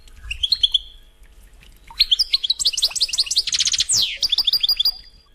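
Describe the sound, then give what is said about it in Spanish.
A European goldfinch sings a bright, rapid trilling song of tinkling, twittering notes, starting with a few brief chirps, then bursting into a continuous lively warble, clear with no talking. “Los trinos son parecidos a los de los canarios, pero con un toque más silvestre.”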